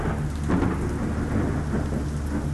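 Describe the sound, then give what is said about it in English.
A summer thunderstorm in Central Florida, July 1957, with steady, heavy rain hissing on surfaces and a deep, continuous rumble of thunder underneath, loud and enveloping, with no voices. “Thunderstorms would roll in.”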